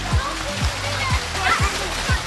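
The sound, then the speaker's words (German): Water splashes and sloshes at the new outdoor natural swimming pool Nizza-Bad in Fellbach at almost 30 degrees, with children's voices chattering in the background and a few soft, regular low thuds underneath the busy ambience. “Also, wenn man das so nennen will, bei fast 30 Grad im neuen Naturfreibad in Fellbad, im Nizza-Bad, so heißt das.”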